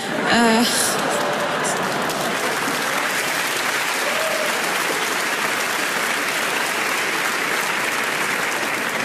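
An audience from Lille applauds steadily for about nine seconds, a dense, even wash of clapping at constant loudness, with a brief higher vocal sound at the start.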